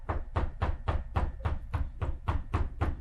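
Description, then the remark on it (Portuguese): Heavy, steady knocking on a door by the Federal Police, about ten loud thuds at an even pace of roughly three per second, with no voices. “A Polícia Federal tá batendo na sua porta, Ciro!”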